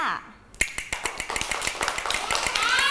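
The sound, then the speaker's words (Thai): A wooden clapper, used by a teacher to give rhythm signals for children moving their bodies, strikes a quick, steady run of sharp, dry clicks, roughly a dozen and a half in under three seconds, with a voice faintly audible beneath the taps. “นำเครื่องดนตรีชนิดนี้ค่ะอะไรนะกลับมือนั่นเองค่ะมาให้สัญญาณจังหวะกับเด็กๆค่ะจังหวะอะไรคะช้า”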